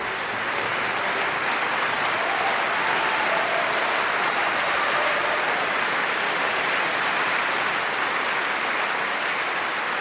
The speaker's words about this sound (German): Großen Applaus für die Musikerinnen und Musiker heute zu Saarbrücken.